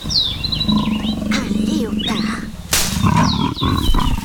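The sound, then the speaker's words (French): A leopard purrs from the bushes in a low, steady, pulsing rumble that runs throughout, with high chirping bird calls above it and a voice speaking briefly over the sound. “On dirait plutôt une sorte de ronronnement qui provient de ces buissons.”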